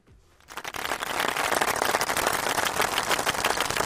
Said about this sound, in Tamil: பெரிய ஒரு கைத்தட்டல் கொடுத்துட்டோம்